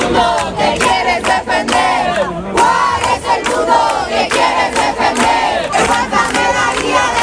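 A crowd of neighbours shouts together in support, many voices rising and falling in loud, rhythmic bursts of chanting that continue without pause throughout.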